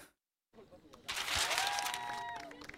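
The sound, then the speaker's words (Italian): After a brief silence, an audience breaks into loud, sustained applause that swells quickly and holds steady, with cheering voices and a few whistles rising above the clapping. “Non ho sentito bene l'applauso, ragazze. Dai, un bel applauso, forza.”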